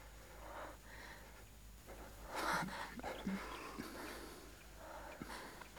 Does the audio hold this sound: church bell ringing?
no